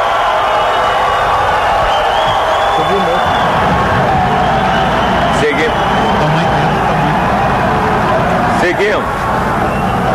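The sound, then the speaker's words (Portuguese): A large crowd of fans, CBF guests and sponsors at the Brazil World Cup squad announcement roars and chants "Neymar" and "olê, olê, olê, Neymar", loud and sustained for the whole stretch, a dense wall of voices with a few sharper bursts rising above the din. “Agora com convocação com torcida é diferente. Agora os gritos de Neymar, Neymar, Neymar.”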